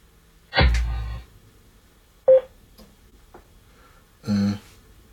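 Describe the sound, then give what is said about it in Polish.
A Bluetooth speaker, detected as KMJ2, powering on and pairing with a phone: a fairly loud electronic startup chime, a short sharp beep, then another brief tonal chime a couple of seconds later, with quiet gaps between. “No i teraz odpalamy nasz głośnik.”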